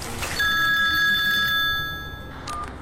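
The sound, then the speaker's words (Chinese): A telephone rings with a bright, steady electronic tone that holds for over a second, fades out, then gives one short chirp. No one speaks. “他连忙给何家安打来电话。”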